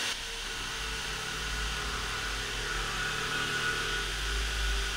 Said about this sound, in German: Weißt du, also wenn hier jetzt gebohrt wird, dann kann ich nicht weiterreden.